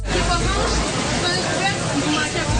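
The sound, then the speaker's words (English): Asparagus sizzles in a loud, steady hiss that fills the whole clip, with the busy clatter of pots and pans and murmuring voices mixed into the din, as top teams of high school students from across Canada compete in the national final of the Culinary Brigades cooking competition. “The sizzling of asparagus and the clamor of pots and pans as competition heated up among some of Canada's freshest chefs.”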